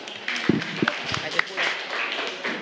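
Scattered hand claps ring out in a room, a few sharp distinct slaps followed by a softer, continuing patter of applause from a small group nearby.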